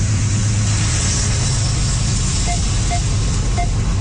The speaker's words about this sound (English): That's some of the sound from this CN train that you can find online as well.